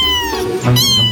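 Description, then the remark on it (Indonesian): A cat meows loudly, a single drawn-out call that rises then dips, with no voices around it. “Ternyata kucing punya kemampuan vokal super lengkap. Mereka bisa menghasilkan hingga 100 jenis suara yang berbeda. Mulai dari mengeong, mendengkur, chirping, trill, hingga suara-suara unik lainnya.”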